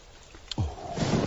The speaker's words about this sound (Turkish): Yağmur fena bastırdı. Bardaktan boşanırcasına yağıyor.